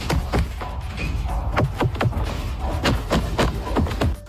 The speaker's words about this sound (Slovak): Šuchot vlastného oblečenia. To je tiež na zvuk, že, na ktorý sme podľa mňa akože zabudli v tom bežnom živote.